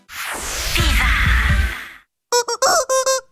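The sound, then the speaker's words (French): A plastic toy chicken gives a long, breathy, rasping wheeze for about two seconds, then after a brief pause lets out four quick, high-pitched honking squeaks in a row. “Étant un poulet en plastique, j'ai besoin d'un interprète pour rappeler que trier correctement les PMC, c'est pas compliqué.”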